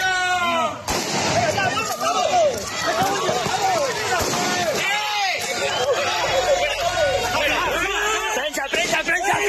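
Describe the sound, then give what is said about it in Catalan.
A chaotic crowd at a protest against mass tourism in Palma shouts and screams over one another during a police charge, in a dense, continuous roar, with rising and falling yells, running footsteps and occasional sharp bangs cutting through the commotion. “Aquest era el moment d'una de les càrregues.”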